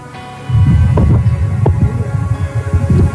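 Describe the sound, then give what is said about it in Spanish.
An electric fan switched on beside a caller blows straight into the caller's microphone, making a loud, rumbling buffet with uneven throbbing pulses. It kicks in after a brief quiet start and continues steadily, with no talking. “Apague el ventilador si es lo que tiene prendido al lado, por favor.”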